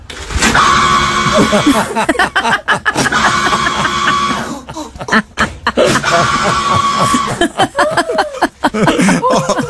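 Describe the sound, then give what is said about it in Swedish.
A paper towel dispenser in a bathroom, its motor giving a strained, bleating whine like a screaming goat, sounding in repeated bursts while people laugh loudly over it. “Ni vet, en sån här maskin som matar ut handdukar.”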